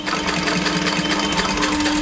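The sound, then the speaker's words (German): A very old sewing machine in the basement of a workshop runs steadily as a doll's leg is sewn back onto its body, its motor humming under a fast, even clatter of stitching, with no voices present. “So klingt das, wenn Tanjas Puppenbein wieder angenäht wird an den Körper.”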